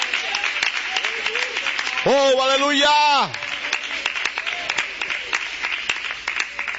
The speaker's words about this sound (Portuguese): Pode aplaudir o nome de Jesus Cristo.